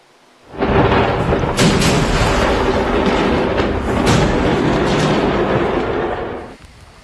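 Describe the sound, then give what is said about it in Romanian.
A fireworks factory in Malta explodes: a massive explosion erupts suddenly and swells into a loud, sustained roaring rumble with a few sharper bursts inside it, lasting several seconds before cutting off. No voices are heard. “O fabrică de artificii din Malta a sărit în aer, două persoane au fost rănite ușor și transportate la spital.”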